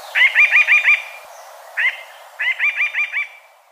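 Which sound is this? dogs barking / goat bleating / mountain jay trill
mountain jay trill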